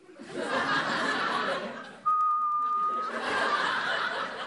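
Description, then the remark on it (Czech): A person whistles one steady, clear note lasting about a second, framed by bursts of breathy laughter before and after. “Já umím... pískat.”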